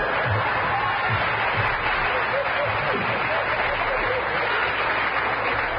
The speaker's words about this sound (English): Thank you. Applause.